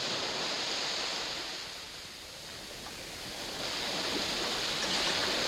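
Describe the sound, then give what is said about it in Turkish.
Sea waves wash onto the shore in a steady, hissing roar that eases slightly, then swells again, unbroken, with no voices. “Denize mi?”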